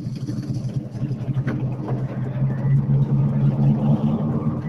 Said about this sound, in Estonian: palju õnne , mehed , olete selle ilusa suure auto siia finišisse ära toonud , oli see raske ?